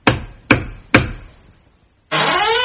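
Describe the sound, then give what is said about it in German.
Three firm, evenly spaced knocks on a wooden door, a man knocking at his father-in-law's door in Timnah at harvest time, each with a short hollow ring, followed by a pause and then a steady sustained tone that cuts in abruptly. “Denn ein paar Wochen später, es war gerade Erntezeit und die Bauern fuhren das Korn in die Scheunen, kam er wieder nach Timnat und klopfte an die Tür seines Schwiegervaters.”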